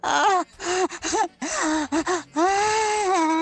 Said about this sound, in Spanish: Ahí está mi grito de señorita panterita.